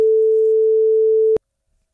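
A single steady telephone ringing tone, heard while Retro Radio places a call to a cruise prize draw winner: one loud, clear beep lasting just over a second, then silence, with no voices.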